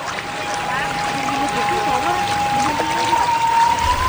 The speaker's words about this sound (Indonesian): Yang semakin membuat masjid ini unik adalah terdapat pancuran air panas langsung dari Gunung Merapi. Air ini dapat digunakan untuk umat muslim mensucikan diri.